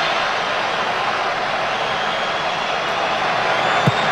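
A loud, sustained roar from a huge stadium crowd cheering as Ismail Sabari's kick wins the football penalty shootout for Morocco, a dense unbroken wash of noise that holds steady for the full few seconds with no single voice standing out.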